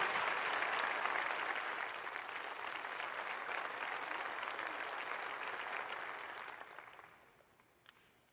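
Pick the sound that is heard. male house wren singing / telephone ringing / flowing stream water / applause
applause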